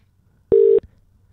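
A single short, loud telephone tone from dialing a phone, a steady electronic beep lasting about a quarter second, heard alone against a quiet line with no talking.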